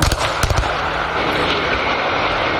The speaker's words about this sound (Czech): Demoliční firma před necelou hodinou odstřelila liblické vysílače na Kolínsku.